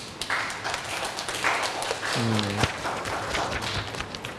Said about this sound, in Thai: ก็กลุ่มนี้ก็ได้นำเสนอชิ้นงานเป็นที่เรียบร้อยแล้วนะครับปรบมือให้เพื่อนหน่อยครับ